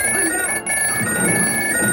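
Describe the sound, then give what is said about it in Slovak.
A telephone rings loudly and continuously, a dense, buzzing bell tone that barely pauses for a moment before ringing on steadily for the whole stretch. “A vieš ty čo, telefón? Ja ťa nechám ležať a zodvihnem iba slúchadlo.”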